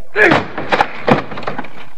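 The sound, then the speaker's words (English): A door locked and bolted from the inside is broken down with three heavy, rapid blows, each landing as a loud thud with a splintering crack as it gives way. Straining grunts mix in with the impacts. “Help me break down this door.”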